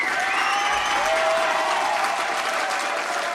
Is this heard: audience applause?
yes